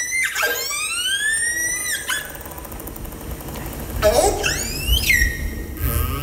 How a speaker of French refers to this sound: Là, c'est une orque que l'on entend. Oui. Est-ce qu'on a une idée de ce qu'elle raconte ou de ce qu'elle émet comme son? Alors, les premières vocalisations, pour moi, c'était plutôt du stress. En fait, c'est un signal qui va être répété.